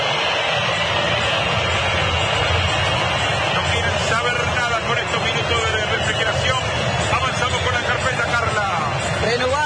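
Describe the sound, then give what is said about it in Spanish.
A football stadium crowd at an Argentina match whistles loudly and steadily, with a dense roar and many shrill, wavering whistles rising and falling over it for the whole stretch. “El momento, escuchen, escuchen la silbatina del público.”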